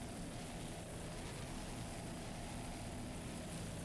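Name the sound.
racing powerboat engines roaring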